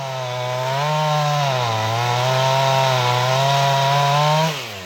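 A chainsaw runs steadily, its engine holding a buzzing drone with small shifts in pitch as it cuts, then the revs drop away at the end. No one speaks.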